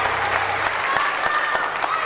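An audience at a live music show applauds a singer, a dense, bright wash of clapping with scattered sharper claps standing out, holding at an even loudness throughout.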